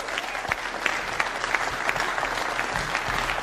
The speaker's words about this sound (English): So how about some applause for that?